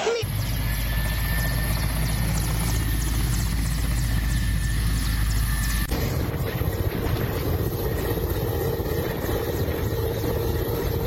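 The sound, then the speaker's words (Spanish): A helicopter belonging to an emergency company makes an emergency landing after mechanical failures at San José stadium in the Pinto Recodo district: its rotor thumps loudly and steadily, a dense low-end chop with turbine whine above, the engine character shifting partway through as it lands. “Aterrizó en un helicóptero de una empresa de emergencia en el Pinto Recodo, en el estadio San José.”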